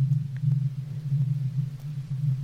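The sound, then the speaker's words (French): A deep, steady low-frequency rumble drones continuously, faint and distant, heard all the time, day and night, in an otherwise silent middle of nowhere, with a slight pulsing throb but no breaks or other sounds. “Au milieu de rien, rien ne faisait du bruit, et il y avait ce bruit de fond, très loin, très grave, continu, tout le temps, le jour, la nuit, presque imperceptible, mais là.”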